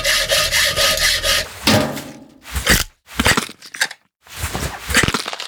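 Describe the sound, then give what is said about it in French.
A saw rasps back and forth in quick, steady strokes, cutting open a rib cage, then gives way to a few louder cracking, crunching bursts separated by short silences as the chest is opened with a saw and pliers. No one speaks. “Et ensuite, avec une scie et des pinces, il se met à ouvrir la cage thoracique.”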